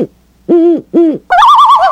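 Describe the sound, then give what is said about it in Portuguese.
Two clear owl hoots in quick succession, each a rising-falling tone, followed by a louder, warbling owl call with a wavering trill. “Só na coruja, ó.”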